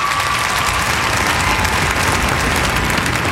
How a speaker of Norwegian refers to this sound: og kledet som dekte den 3,5 meter høye statuen kom av. Humorkongen, laksekongen, folkekongen, han viste sitt sanne jeg, og så er det applaus.